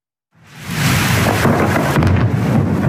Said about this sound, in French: Le tonnerre a grondé la nuit dernière à Saint-Jean-de-Luz dans les Pyrénées-Atlantiques. Dans le ciel, une pluie d'éclairs a percé l'obscurité sous les yeux des habitants.